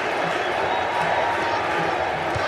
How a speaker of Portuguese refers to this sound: E a torcida chama o Hendrick na arquibancada do Lincoln Financial Field.